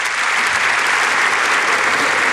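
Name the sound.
audience applause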